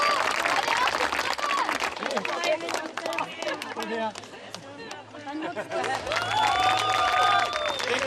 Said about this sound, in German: ausgelassene Stimmung und viel Applaus bei der Siegerehrung. Ganz klasse!